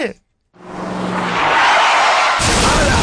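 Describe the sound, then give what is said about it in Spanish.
A car's tires skid with a loud, rising hiss that builds for about two seconds, then a sudden, harsh crash bursts in near the end, loud. “Le chocó el carro al gato Félix.”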